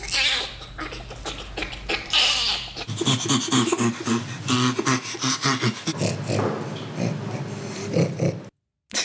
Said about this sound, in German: Also das letzte klang doch eher wie ein Grunzen. Ja, ist aber tatsächlich das Lachen eines Orang-Utans. Vorher haben wir noch einen Schimpansen und auch einen Bonobo gehört.